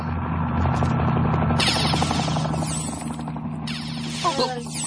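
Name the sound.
helicopter rotor noise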